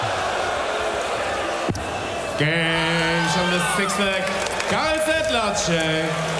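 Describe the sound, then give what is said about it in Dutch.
Children cheer and shout excitedly together, their high voices overlapping in a lively burst that follows a single sharp thud, with busy background noise behind them. “Ja, ze kunnen nu toch juichen, ja.”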